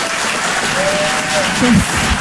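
An audience in Paris applauds steadily and loudly as a performer is introduced on stage, a dense wash of clapping filling the whole moment, with a brief vocal cheer rising over it near the end.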